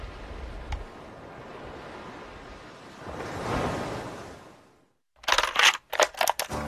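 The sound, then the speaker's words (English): Waves wash steadily onto a shore, one surging swell building and then receding into near silence, followed by a few abrupt, crackly rustling bursts. No one speaks. “Whenever I'm in stressful situations or places I don't want to be, I can literally turn to the sound of the waves and feel that place of calm and peace and really where I want to be.”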